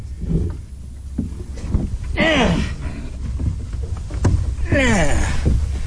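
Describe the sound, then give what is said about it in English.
A lobsterman clambers aboard his lobster boat on the water in the morning to go out and haul traps: scattered wooden thumps and shuffling over a steady low rumble of wind and water, with two strained, groaning breaths of effort. “Well, my boat ready, get aboard the boat.”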